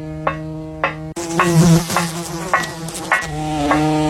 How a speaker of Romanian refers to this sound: Iți, adu repede pliciul electric! Uite o muscozelă!